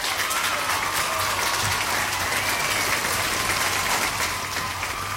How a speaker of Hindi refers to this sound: बिल्कुल सही, सही जवाब, सटीक जवाब, और सबने बिल्कुल सही जवाब दिया, इसलिए हम क्या करेंगे, तालियां बजाएंगे।